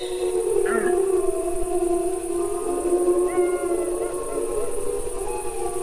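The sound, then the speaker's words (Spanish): A wolf pack howls in chorus, with several long, overlapping, wavering voices. Higher, thinner yelps from young wolves and pups rise over the deeper adult howls, answering them. The chorus stays steady and fairly loud throughout, with no talking. “Suelen provocar estos aullidos de los adultos es la respuesta de los jóvenes y los cachorros.”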